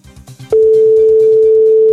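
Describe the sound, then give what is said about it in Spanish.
A loud, steady telephone ringing tone of an unanswered call cuts in abruptly and holds without a break, with a faint rhythmic beat continuing underneath, before the call is redirected to voicemail. “Que no lo coge el tío, ¿eh? Que no. Te ha redirigido al buzón.”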